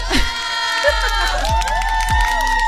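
A crowd cheers and whoops loudly and continuously, with shrill, high voices rising and falling over a steady roar of noise.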